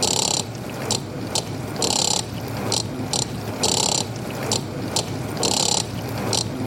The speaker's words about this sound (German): Jetzt versuche ich erstmal mit dem Mixer den Rhythmus von der Spülmaschine mitzuspielen.